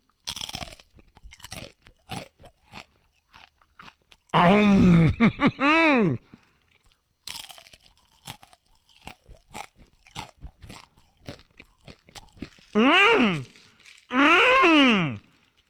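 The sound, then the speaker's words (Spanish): Crunchy Takis snack chips are bitten and chewed in sharp, crackly bursts at an irregular rhythm, broken up by a few loud, drawn-out vocal groans. “Agarran la bolsa. Me está haciendo agua la boca ya. Y canalizan toda esa energía en cada mordida, así.”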